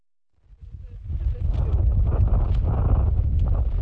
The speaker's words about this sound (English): It's brutally cold and windy at 12,000 feet up in the Andes as I walk toward what looks like a shrubby moon.